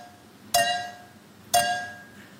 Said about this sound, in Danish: Men i samme gameshow har de nu haft besøg af en tysk pige, som ud fra lyden af to glas med vand i, der bliver klinket sammen mod hinanden, kan høre, hvor mange milliliter der er i hvert glas.